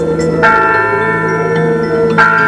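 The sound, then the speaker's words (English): Loud church bells ring out with two clear strikes, their rich overlapping tones humming and sustaining continuously between hits. No voices are heard. “That's it. Church bells.”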